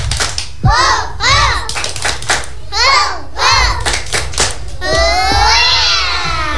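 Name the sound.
children's rhythmic clapping chant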